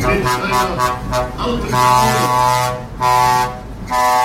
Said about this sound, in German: Es kommt der historische Traktor mit der historischen Kanone der Ehrengarde.